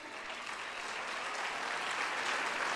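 A crowd applauds God, clapping steadily and densely in a sustained wash of applause from many hands that builds slightly in loudness over a few seconds, with no voices standing out.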